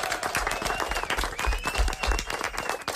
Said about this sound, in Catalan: Gràcies per aquesta entrevista. Anem a fer un aplaudiment. Molt bé.